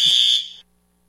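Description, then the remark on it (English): A fire alarm blares a loud, shrill, piercing tone for just over half a second before cutting off abruptly into near silence. No voices are heard. “Got a bit of a fire alarm incident here.”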